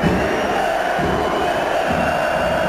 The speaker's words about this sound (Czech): Už při rozcvičce se spustil na Matěje Juráska z kotle pokřik, který pokračoval vulgárními výrazy.